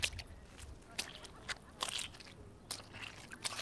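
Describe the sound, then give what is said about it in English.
Footsteps squelch through the rain-soaked, muddy turf of a football ground: a quiet, uneven series of wet, crunchy squishes, each step a short burst with soft sucking and crackling in between. “So the centre square is this big expanse of mud right now and soaking turf.”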